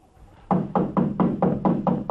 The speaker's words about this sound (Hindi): अरे बस बस, दरवाजे मत तोड़िए। जरा दरवाजा तो खोलिए।